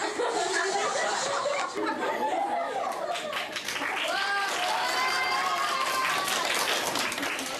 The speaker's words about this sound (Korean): 박수갈채를 한 몸에 받았지만 부끄러운 건 어쩔 수 없나 봅니다.